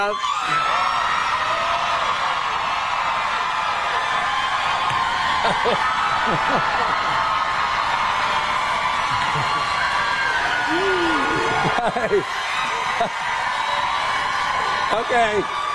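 A dense, continuous wall of high-pitched screaming and shrieking from girls in a theater balcony fills the whole stretch, loud and sustained, with occasional whoops rising above the roar and no pause.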